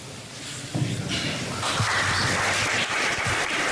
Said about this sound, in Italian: E ancora un applauso in questa visita che è segnata